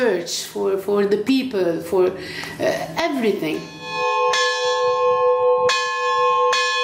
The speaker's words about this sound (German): Im Kloster St. Peter und Paul läutet Mönch Philemon derweil weiter die Glocken. Er hofft, dass es zu Pfingsten ruhig bleibt und nur ihr Klang zu hören sein wird.